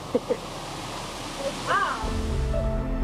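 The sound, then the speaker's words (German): A steady, full rush of river water, fed by ice-cold underground springs and flowing with a strong current, roars without letup, while brief voices and a low hum rise faintly over it toward the end. “Das Wasser stammt aus eiskalten unterirdischen Quellen und speist hier den Fluss.”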